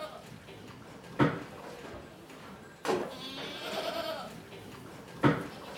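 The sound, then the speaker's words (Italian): Goats bleat several times: a short sharp cry, then a longer wavering bleat, then another brief call, with quiet farmyard ambience in between. The goats are at the Mafalda farm a few bends north of Prodo and came from Norway. “due sorelle arrivate 15 anni fa dalla Norvegia con le loro capre.”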